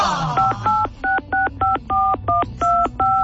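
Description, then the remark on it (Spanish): A phone number is keyed in as a quick, even run of about a dozen short touch-tone beeps, each a bright two-note chirp, with no one speaking. “¿Ya había marcado?”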